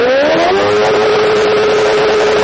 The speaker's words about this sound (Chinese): 咱们现在测试一下这辆车，就这辆改装过的摩托车，它这排气管在咱们点火拧油门的情况下能达到多少分贝？